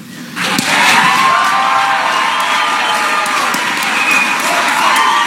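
A large crowd bursts into loud, sustained cheering and applause, a dense roar of voices and clapping that swells quickly and holds steady for several seconds.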